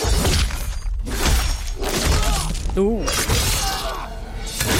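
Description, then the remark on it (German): Loud, dense fight effects from a trailer for the Marvel's Wolverine game shown at State of Play: a rapid series of sharp, metallic Wolverine claw slashes and crunching impacts, mixed with strained vocal grunts and snarls, continuing without pause. “Klingt finster und auch nach Kampf.”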